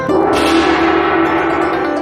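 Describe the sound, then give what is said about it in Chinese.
A large brass gong at the Daliushu market is struck once, loud, then rings on with a rich, shimmering sustained hum that barely fades over the next two seconds. No voices. “品种挺多样，色彩丰富的玉石花盆景，百年历史留声机，还有那一敲就响的大铜锣。”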